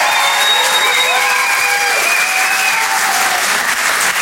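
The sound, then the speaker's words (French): A loud, sustained burst of audience applause at the Rire et chansons Comedy Club for comedian Olivier de Benoît, dense clapping from many hands holding steady for several seconds, with faint cheers and whistles mixed in. “Un tonnerre d'applaudissements, s'il vous plaît, pour Olivier de Benoît.”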